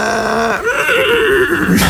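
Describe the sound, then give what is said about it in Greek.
A person's voice imitates a horse whinny, a loud, wavering neigh lasting about two seconds with a rising, trembling pitch and no other speech. “Καλά το κάνω το άλογο, καλά το κάνω.”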